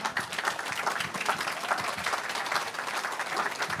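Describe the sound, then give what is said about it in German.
Steady audience applause as Ulrich Mattes takes the stage, a dense rattle of many hands clapping at an even, moderately loud level throughout, with no voices standing out above it. “Heute Abend, hallo Ulrich Mattes, genau, den Applaus müssen Sie sich jetzt erstmal noch abholen.”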